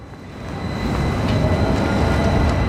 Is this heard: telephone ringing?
no